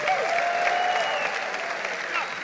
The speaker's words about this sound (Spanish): Dale un aplauso al Señor fuerte. Fuerte, vamos, fuerte. Da un grito de júbilo.